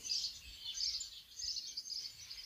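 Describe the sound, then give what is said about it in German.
Birds chirp and twitter continuously outdoors in the evening sun at the corner of Kastanienweg in front of the church in Döblitz, a dense, bright chorus of high calls over a faint low background hum. “Die Vögel zwitschern hier in der abendlichen Sonne, Ecke Kastanienweg vor der Kirche von Döblitz.”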